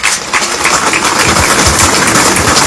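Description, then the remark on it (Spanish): A crowd claps steadily for nearly three seconds to welcome the group from Region 1, a dense, even crackle of many hands with no pauses and no voices rising above it. “Bienvenidos, un aplauso a la región 1.”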